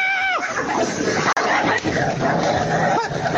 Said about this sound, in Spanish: Se están peleando la Brujita con la Campanita. No tienen comida los perros